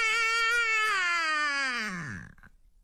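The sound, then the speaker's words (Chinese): One long, loud newborn wail, alone, holding a high pitch for about two seconds before sliding downward and trailing off: the first cry of a newborn imperial prince, coming from the Chuxiu Palace in the Forbidden City in 1856. “这婴儿的第一声啼哭划破了紫禁城的上空”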